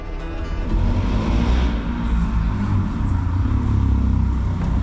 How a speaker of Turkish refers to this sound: Gürültü çıkaran motosikletler polis ekiplerinin dikkatini hemen çekiyor.